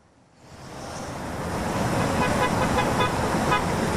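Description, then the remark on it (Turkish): Dense road traffic at the Çamlıca highway toll booths in Istanbul, Turkey, as people return after a nine-day holiday, swells in after a brief quiet start, a steady roar of many vehicles idling and moving, with faint horn-like tones cutting through the continuous rumble. “İstanbul'da şu saat itibariyle trafikte durum ne? Çamlıca gişelerdesin bildiğim kadarıyla.”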